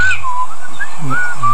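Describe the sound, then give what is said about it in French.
A yellow-billed Eurasian blackbird sings its evening song in spring: a few slow, mellow fluted phrases with gently sliding whistled notes, clear and fairly loud over a faint low rumble. “Le merle noir. Le merle noir avec son bec jaune.”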